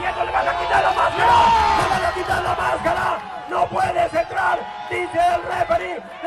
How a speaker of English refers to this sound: He starts to untie the string that holds Rey Jaguar's mask on, and as Rey Jaguar struggles to free himself, my stomach drops. This is how the crowd reacted.